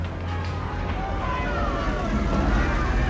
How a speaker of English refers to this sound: Finally, hearing the emperor's motorcade passing nearby, my aunt stood in the road, halting the first car.